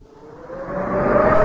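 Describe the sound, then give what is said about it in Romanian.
A wind sound effect in a radio drama: a rushing, howling gust that swells steadily louder over a second and a half, with a thin whistling tone running through the noise. No voices. “Atmosferă! Vânt!”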